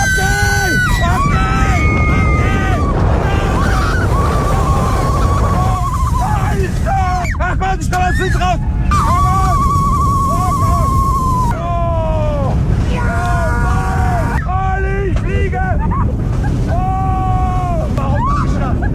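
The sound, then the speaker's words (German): A ride on the Silver Star roller coaster at Europa-Park in Rust at 130 km/h, with comedian Bülent Ceylan riding: a loud, unbroken roaring rumble and rush of wind, with riders' screams and yells swooping up and down in pitch throughout. “Noch vor den ganzen Mondfinsternisbildern aus Regensburg, Niederbayern und der Oberpfalz aktuell ist der Bühlen-Ceylan beim Achterbahnfahren. 130 km/h mit dem Silver Star im Europapark Rust.”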